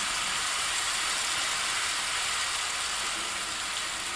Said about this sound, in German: Es regnet.